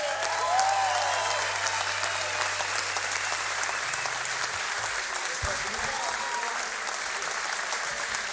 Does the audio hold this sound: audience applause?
yes